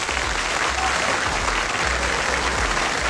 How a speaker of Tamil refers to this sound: நிறைய பேர் அரங்கத்துக்குள்ள வந்திருக்கீங்க. நம்முடைய இசை கலைஞர்களுக்கு ஒரு பெரிய கைத்தட்டல் கொடுத்துடலாமா?